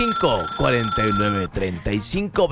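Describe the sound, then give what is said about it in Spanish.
A telephone rings with a steady electronic tone for a couple of seconds, partly buried under loud overlapping voices and music, as the first listener call comes in to a radio call-in show. “Ya entró la primer llamada.”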